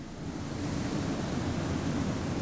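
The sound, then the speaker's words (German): A steady, dense roar of rushing, churning water in giant washing machines washing sugar beets at a sugar factory, using water taken from the beets. It is constant and fairly loud, with a heavy low rumble. No one speaks. “Zuerst kommt es in riesigen Waschmaschinen zum Einsatz.”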